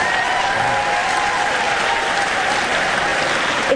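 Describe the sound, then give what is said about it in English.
Steady, sustained applause from the audience of the show Wait Wait... Don't Tell Me, after a caller says she is a lawyer for kids at the Legal Aid Society in Brooklyn: a dense, even clatter of many hands clapping at constant loudness, with a faint voice or cheer blended in underneath. “Yeah, it's the right crowd for that.”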